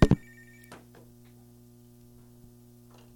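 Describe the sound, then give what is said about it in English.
A telephone rings briefly, opening with a couple of sharp clicks and a short tonal ring, followed by a steady low electrical hum and faint clicks. No one speaks. “And we shall start playing because the phone's ringing.”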